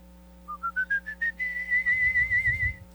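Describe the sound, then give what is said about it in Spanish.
A small bird's song, or a whistled imitation of one: six short chirps stepping upward in pitch, then a long, high warbling trill over a faint low rumble. “Y de su interior, con canto y plumaje nuevo, salió el pajarito.”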